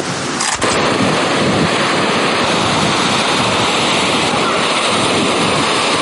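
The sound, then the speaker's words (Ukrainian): A loud, steady roar of sea surf washing onto a beach shore, continuous, with a rushing, windy edge and no one speaking. “Та їдуть сюди в першу чергу все ж до моря.”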